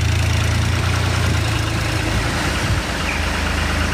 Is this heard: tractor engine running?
yes